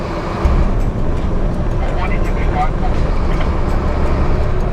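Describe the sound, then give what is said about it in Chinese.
A Tibet Military Region transport brigade military truck drives along Route 318 in Tibet with its window rolled down: a loud, steady roar of engine and rushing wind fills the cab continuously, with faint voices barely audible beneath the noise. “把玻璃摇下来，感受一下西藏的风。”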